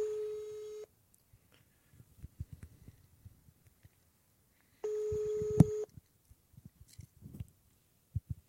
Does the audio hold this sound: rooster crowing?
no